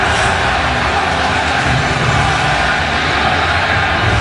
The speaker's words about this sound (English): Massive crowds at the Capitol. Here's some audio from a huge crowd.